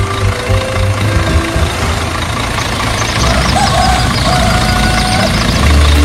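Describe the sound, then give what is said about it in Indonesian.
An open-bed truck's engine idles with a steady, loud, low rumble and a faint mechanical clatter, holding constant throughout with no voices, as the truck waits to carry passengers. “Uniknya lagi, kendaraan yang dipilih bukan mobil mewah, melainkan sebuah truk dengan bak terbuka yang siap mengangkut para penumpang, lengkap dengan cerita, tawa, dan tentu saja gosip yang akan mengiringi perjalanan sepanjang jalan.”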